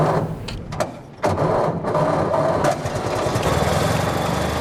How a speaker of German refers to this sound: Nach einer kurzen Schrecksekunde springt er doch an, der Motor des Oldtimers Avis 3. Stolze 100 Jahre alt, aber kein bisschen rostig.